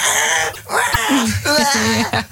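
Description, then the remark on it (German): On a Radio 7 morning show, a voice imitates a baby crying in a car, giving a few wavering, whiny wails that rise and fall in pitch over about two seconds, fairly loud and without any words. “Wenn euer Baby es auch hasst, Auto zu fahren und weint und schreit, dann versucht es doch mal mit einem Bild von euch.”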